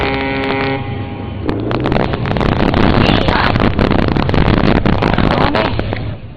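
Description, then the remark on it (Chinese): The loud, steady engine of a fishing boat coming in to the Shazikou fishing port pier in Qingdao, China, at about 4 a.m. rumbles louder than the sea waves, its low drone filling the scene with wind buffeting and scattered knocks; a few tonal beeps sound at the very start. “马达声大过海浪声。”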